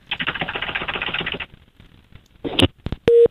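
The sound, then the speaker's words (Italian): Rapid typewriter-like clacking fills the first second and a half, then after a pause a short clatter and a click lead into a brief, loud, steady telephone tone at the end, as a phone call is placed to a restaurant. “Vabbè, fai tranquillamente i cazzi tuoi mentre telefono,”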